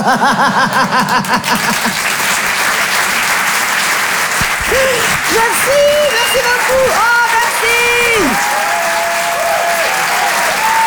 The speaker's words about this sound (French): On merci. Peut l'applaudir très très fort. Merci beaucoup.